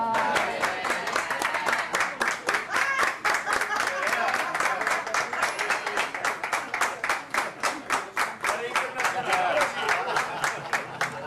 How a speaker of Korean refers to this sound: 너무 이제 설명 잘해 주셔 가지고 여기 계신 분들 다 박수를 또 쳐줬습니다.